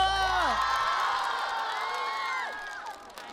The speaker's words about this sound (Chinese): 所以我觉得他是我心目当中当之无愧的明星舞者。 掌声给他！